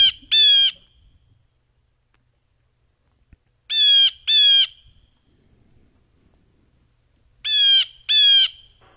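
A blue jay gives harsh, buzzy calls in three paired bursts spaced a few seconds apart, each call loud and raspy with a rising, nasal quality, with near silence between.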